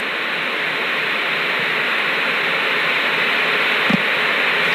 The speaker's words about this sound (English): Well, there's nothing but static on the screen. That's to be expected since there are no longer analog stations.